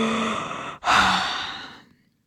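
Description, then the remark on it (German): A drawn-out, breathy yawn: a long airy intake, a brief catch, then a voiced exhale that slowly fades away, performed by a human voice with no talking. “Amadeus, der Hahn, sitzt hoch oben auf seiner Stange und gähnt.”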